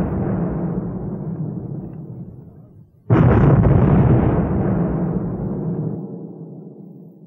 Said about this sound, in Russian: в день погребения, шквал артиллерийской пальбы с новой силой обрушивается на город. В течение 10 минут изо всех находящихся в строю орудий производится по 6 выстрелов на каждый ствол.